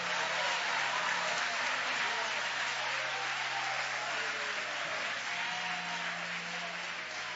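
A church audience claps steadily to glorify God during prayer, a dense, continuous wash of many hands that keeps up for several seconds at a fairly even loudness, with faint voices beneath.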